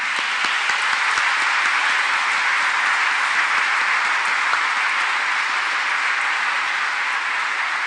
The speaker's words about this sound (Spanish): Un aplauso a los papás en este día.